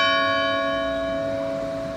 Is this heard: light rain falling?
no